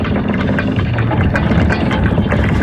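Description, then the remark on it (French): A drawbridge of a game show castle being lowered: a loud, steady mechanical rumble with a deep motor-like drone that grinds on without pause for the whole stretch, no voices present. “Allez-y, on abaisse le pont-levis.”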